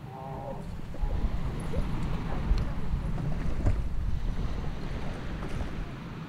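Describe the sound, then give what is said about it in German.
A boat motors steadily across open water, carrying a worker home after work, its low engine rumble mixed with rushing wind buffeting the microphone throughout, continuous. “Nach Feierabend geht es mit dem Boot zurück nach Hause.”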